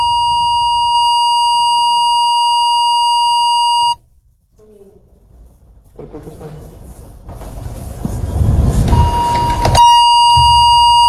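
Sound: telephone line beeping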